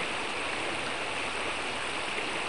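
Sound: flowing stream water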